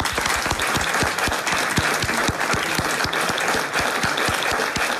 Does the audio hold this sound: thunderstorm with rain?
no